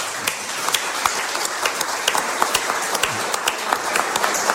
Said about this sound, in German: Und das ist ein Applaus wert, kann man für mich machen.